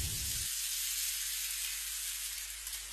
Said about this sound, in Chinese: 这个鸡要选用6个月左右的宰养的头鸡，这样吃起来口感比较好，肉质紧实。 生姜与鸡块爆炒